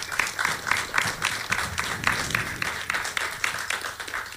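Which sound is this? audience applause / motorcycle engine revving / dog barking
audience applause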